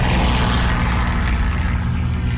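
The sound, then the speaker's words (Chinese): A steady, loud drone of Japanese propeller aircraft engines over Yan'an on the morning of 20 November 1938, the first Japanese air raid on Yan'an, fills the air, a dense low rumble with pulsing harmonics that holds constant throughout, no voices present. “1938年11月20日，这天清晨，延安上空突然响起飞机的轰鸣声，刺耳的防空警报刚刚响起，人们就马上听到了巨大的炸弹爆炸声，整个延安的大地都在震颤。”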